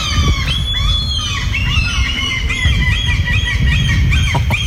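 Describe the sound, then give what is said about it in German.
Loud, overlapping calls of gulls and pigeons fill a city square, the Gertrudenkirchhof in the city centre, at 4 a.m.: harsh squawking cries over a constant low rumble of city noise, with repeated calls layered continuously and no voices. “Ja, richtig laut. Möwen und Tauben, zusammengefasst Möben, ja.”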